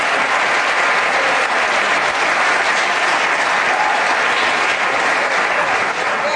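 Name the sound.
audience clapping hands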